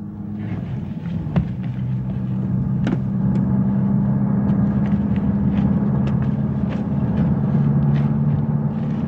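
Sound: bus interior engine rumble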